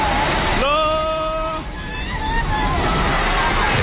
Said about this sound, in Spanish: En Nepal, los servicios de emergencia han retomado la búsqueda de cuerpos tras la descomunal riada que ayer se tragó edificios enteros en la frontera con el Tíbet.